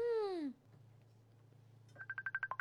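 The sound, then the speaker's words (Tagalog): A cellphone starts ringing with a rapid, pulsing electronic trill that grows louder, following a brief falling tone and a low steady hum. No one speaks. “may nagapanawag sa cellphone, ho?”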